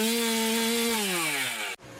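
A chainsaw engine drones steadily at high revs, its pitch slowly dropping as it winds down, then cuts off abruptly just before the end. Loud, with no voices.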